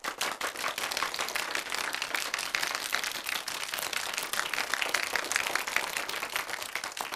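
A class bursts into steady applause, many hands clapping together in a dense, even patter that holds at the same lively level for about seven seconds, with no voices.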